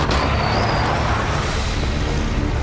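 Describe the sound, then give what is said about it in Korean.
A heavy truck engine rumbles steadily and loudly as a team finishes boarding the truck. It is a continuous low drone with a faint high whine, and no one speaks. “트럭에 탑승 완료.”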